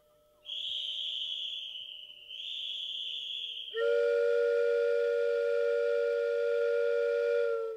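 A shrill, high steam whistle blows twice in quick succession, then a louder, deeper multi-tone steam locomotive whistle sounds steadily for several seconds as the train departs, alone with no voices.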